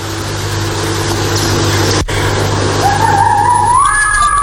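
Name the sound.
fox call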